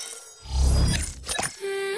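A low rumbling road noise swells, then a few sharp, bright cracks of a small stone striking a car windshield, followed by a steady ringing tone.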